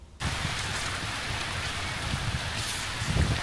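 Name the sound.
heavy rain falling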